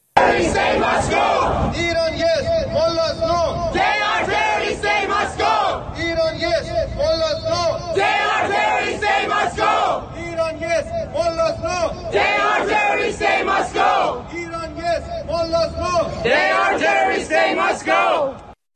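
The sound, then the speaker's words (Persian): A large crowd of Iranians living in Italy, rallying in front of the US embassy in Rome, chants loudly in unison, shouting slogans in a steady repeating rhythm of bursts and brief pauses, with many voices blending into a dense, continuous roar throughout. “ایرانیان ساکن ایتالیا هم مقابل سفارت آمریکا در روم تجمع کرده و خواستار قرار دادن سپاه در فهرست تروریستی و پایان هر شکل از ارتباط با حکومت ایران شدند.”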